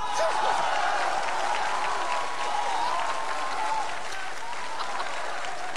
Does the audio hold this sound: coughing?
no